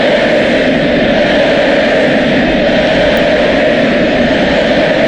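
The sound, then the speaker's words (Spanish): A packed crowd at the Monumental stadium in Argentina roars in a dense, unbroken wall of sound, loud and steady for the whole stretch, with no individual voices standing out, during a tribute ceremony for Leo Messi and the Argentina national football team. “Así suena el Monumental”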